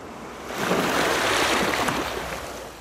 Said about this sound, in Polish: Niech was powieje tam, gdzie ocean i muzyka fal.